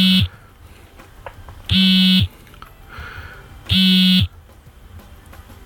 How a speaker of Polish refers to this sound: O, właśnie. Tak działa alarm wibracyjny w tym zegarku.